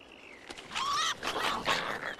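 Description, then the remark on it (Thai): Three-week-old fox cubs from a litter of eight squabble over a single bird as food, a tangle of shrill yelps, whines and squeals rising and falling in quick overlapping bursts for a couple of seconds. “มีลูก8ตัวที่ต้องเลี้ยงดูนกเพียงตัวเดียวคงไม่พอเลี้ยงทุกปากท้องลูกจิ้งจอกแย่งกันกินเหยื่อพวกมันอายุเพียง3สัปดาห์”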